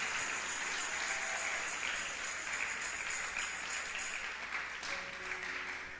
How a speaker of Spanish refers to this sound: ¿Cuántos le damos un aplauso al Rey? Aleluya. Gloria a Dios.